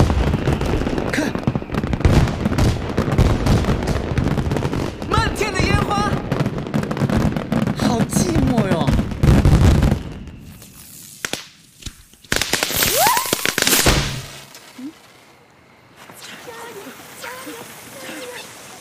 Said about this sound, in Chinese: 哇塞，烟花！